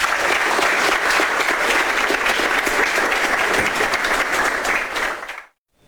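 A crowd applauds steadily for about five seconds, a dense, loud wash of clapping hands that holds even, then cuts off abruptly into silence.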